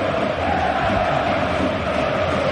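A large stadium crowd at Camp Nou chants for Robert Lewandowski in honour of its goalscorer, a dense, sustained roar of many voices, holding steady and loud for the whole stretch with no break or single voice standing out.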